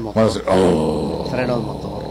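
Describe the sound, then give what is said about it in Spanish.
A person vocally imitates a truck's engine brake with a loud, harsh, rattling growl sustained for about two seconds, with no other speech. “Ese es el freno de motor.”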